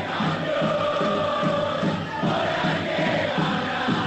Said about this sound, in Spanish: Muchos gritos, escuchen a la gente.